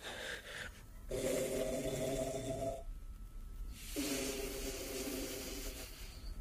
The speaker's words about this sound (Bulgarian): Нагласил се е нарочно, за да хърка колкото може по-силно.